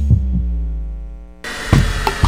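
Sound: heartbeat sound effect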